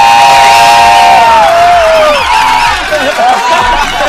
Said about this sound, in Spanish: ¡Un grito de viernes!